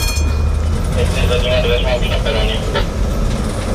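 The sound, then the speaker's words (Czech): A tram-train, a converted old Brno tram running on electric power, rolls along a railway track on a short test run to Libáň, with a steady, heavy low rumble and a faint electric whine and metallic squeal above it, continuous throughout. “Vlakotramvaj vyjela na krátkou zkušební jízdu do nedaleké Libáně.”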